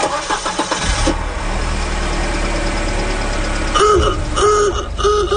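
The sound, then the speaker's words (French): A car engine cranks over and catches, then settles into a steady, low, smoothly running idling rumble; near the end a few short repeating tones sound over the engine. “Ça tourne bien, ce moteur-là, c'est comme neuf.”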